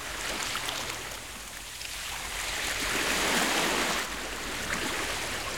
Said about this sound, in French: Dans la boîte à trésors de Toudou, il y a un grand coquillage. Et quand Toudou colle son oreille dessus, Il entend la mer.